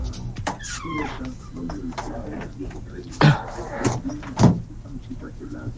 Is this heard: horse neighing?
no